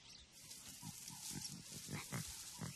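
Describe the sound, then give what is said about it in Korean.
Two newborn lion cubs in a thicket by a swamp at the edge of a grassland give small cries: a series of short, low, grunting mews in an uneven rhythm, moderately loud over a faint hiss, with no voices. “어디선가 작은 울음소리가 들립니다.”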